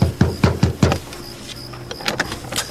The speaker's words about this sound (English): What do you want? Why are you pounding on our door at this hour?